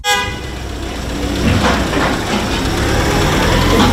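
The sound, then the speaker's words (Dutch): A white parcel delivery van in Lelystad gives a brief horn toot, then its engine roars steadily as it drives away, a broad rumbling motor noise that holds loud for several seconds with no voices. “En daar gaat hij in zijn witte busje, pakketbezorger Randy uit Lelystad.”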